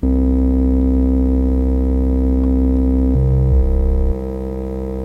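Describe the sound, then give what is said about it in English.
A sustained, buzzy synthesizer tone with a sine-wave sub-oscillator adding a deep sub-bass layer underneath, shifting down in pitch a couple of times before settling into a lower, slightly quieter drone. “Now we can do this, add a sub-oscillator.”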